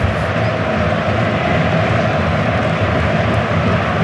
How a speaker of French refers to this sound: Et vous entendez les supporters brésiliens qui poussent, c'est le moment pour le Brésil.